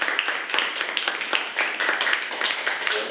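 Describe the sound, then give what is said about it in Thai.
A group of students in a science class clapping together for a classmate who has just summarized the components of blood, a dense, steady patter of many hands that continues without pause from start to finish. “โอเคปรบมือให้เพื่อนนะครับนักเรียนนะครับ”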